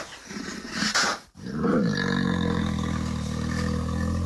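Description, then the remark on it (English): A grizzly bear lets out a loud, rumbling roar that swells after a brief pause and holds steady, with rough growling texture throughout and no voices. “Grizzly bears, they live around North America and Canada.”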